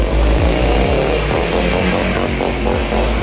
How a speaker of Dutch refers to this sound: Ja, voor de proef lieten ze deze vrouw op een grote motor langs de camera schuren.